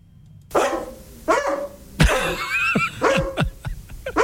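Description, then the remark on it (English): A dog barks several times in short, sharp bursts, loud, with brief pauses between the barks and a slightly yelping, whiny edge to some of them. “We're barking for you.”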